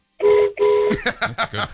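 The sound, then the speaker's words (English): A delivery driver honks the horn of her delivery van twice in quick succession, two steady, mid-pitched blasts with a brief gap between them, followed by people talking. “Can you give us a honk on the horn?”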